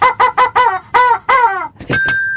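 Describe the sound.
A children's radio programme's chicken character clucks loudly in overcast, rainy weather: six quick, rising squawks in a rapid run, then a brief pause and a couple of sharper, higher calls to finish.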